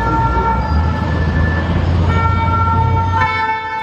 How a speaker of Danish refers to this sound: Protester blandt franske studerende har taget et gevaldigt nyk op og breder sig. Der er sirener og tumult i gaderne, fordi ja, der er blandt andet biler, der sættes i brand.